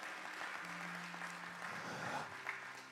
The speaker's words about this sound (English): Thank you. That's good enough. Give the Lord a big hand clap, if you will.